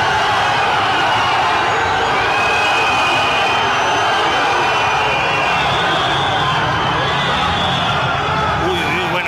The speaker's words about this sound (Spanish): es un abucheo tremendo que recibió hoy el presidente de España.